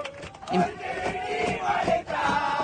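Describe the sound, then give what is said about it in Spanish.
A crowd of fans shouts and chants together in a loud, continuous roar, with sustained sung tones rising above the mass of cheering inside an airplane cabin. “Esto es adentro del avión. Y empiezan a gritar y empiezan a cantar.”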